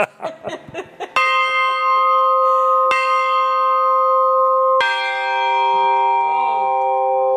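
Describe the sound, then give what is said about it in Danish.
A brief burst of voices and chuckling, then real bells, lent by the Royal Danish Theatre, are struck at full strength three times, each peal ringing on with long, layered, shimmering tones that overlap. “Og så sagde han, nej, det skal være rigtige klokker.”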